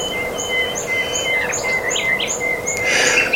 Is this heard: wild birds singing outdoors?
yes